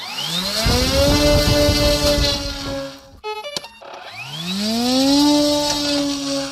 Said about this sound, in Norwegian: Så forsvinner de ut I mørket, dronene, som ser ut som modellfly og høres ut som kantklippere. Men med seg har de eksplosiver med mål om å ramme russiske forsyningslinjer.